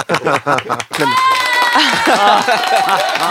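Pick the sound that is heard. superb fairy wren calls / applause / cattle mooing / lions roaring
applause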